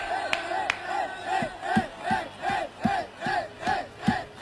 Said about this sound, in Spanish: Sigue cantando solo. Solo, rodeado de colombianos. Y que aplaude, mira.